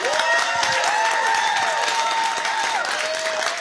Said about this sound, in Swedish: en stor applåd.